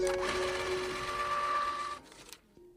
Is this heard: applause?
no